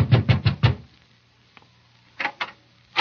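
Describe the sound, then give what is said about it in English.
Four quick, firm knocks on the door of the late George Grant's home in an even rhythm, a pause, then two more knocks and another single rap, each sharp and fairly loud with silence between. “I knocked at the door.”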